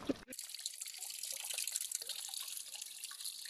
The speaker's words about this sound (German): Das Wasser hier ist dasselbe Wasser wie das, was hier runterkommt. Ah, dieser Wasserfall. Das ist der Mühlbach.